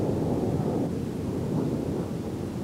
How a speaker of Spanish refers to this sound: Y así ha ocurrido durante la noche con la ciudad de Kiev como blanco principal. Las explosiones, los incendios y las columnas de humo se han podido ver por toda la capital en un ataque que se ha prolongado varias horas.